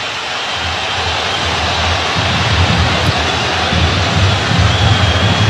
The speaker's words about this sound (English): And now it opens up and the crowd gets into it a bit.